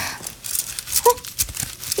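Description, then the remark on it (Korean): Irregular rustling and scraping of a lost cloth money pouch being pulled out from under a bookshelf, a few soft crinkly bursts over about two seconds with no talking. “이건... 내가 잃어버렸던 돈주머니잖아.”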